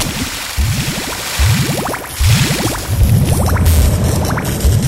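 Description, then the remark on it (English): Underwater bubbling in a video game, in bursts, each a quick rising gurgle, repeating four or five times over a steady watery hiss, fairly loud, with no voices. “Hey, I hear bubbles. Bubbles!”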